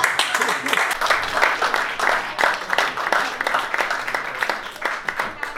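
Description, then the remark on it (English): An audience claps in answer to a performer's question, a dense crackle of many hands at an even level from start to finish, with faint crowd murmur mixed in. “Anyone here, by round of applause, never been with an Indian guy before?”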